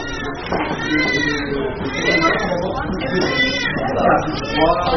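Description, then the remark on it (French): Several newborns wail at once in a hospital nursery during morning care time, their high, quavering cries overlapping continuously, with no pause in the chorus of crying. “Là, on entend déjà crier. On va passer devant la nurserie.”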